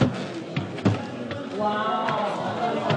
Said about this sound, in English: Attendees filter up to the second floor of the Fort Benton Pharmacy. Wood floors creak under the visitors.